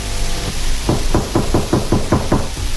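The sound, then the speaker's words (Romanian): A quick series of about eight firm knocks on the door of Honoria Fraser's office in London, evenly spaced, with no voices, over a low steady hum. “Cineva bate în ușă.”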